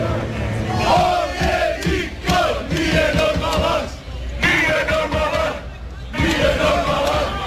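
A large crowd of Croatian football fans on the streets of Philadelphia cheers and chants in loud, rhythmic surges, with a few pauses between swells and many voices shouting together.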